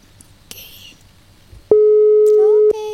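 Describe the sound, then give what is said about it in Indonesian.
Quiet murmuring voices, then a loud, steady electronic phone tone starts and holds for about a second before continuing at a lower level: the ringback tone of an outgoing call placed to a Persela Lamongan football supporter. “Coba kita telepon dulu.”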